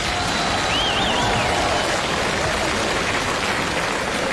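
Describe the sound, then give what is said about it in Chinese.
A large audience applauds loudly and continuously, a dense, steady wash of clapping from start to finish, with a brief whistle cutting through early on. “哎呀，看见此起彼伏的掌声了， 看见了。”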